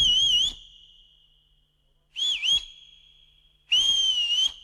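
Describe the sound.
Three short bursts of human whistling, each a wavering high tone with slight warble, separated by brief pauses; clear, with no talking.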